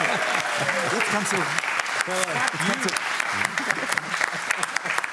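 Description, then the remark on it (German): Sustained applause, a dense crackle of many hands clapping at once, with several voices talking and calling out over it throughout. “Und du musst so lange klatschen, bis wir wieder im Bild sind.”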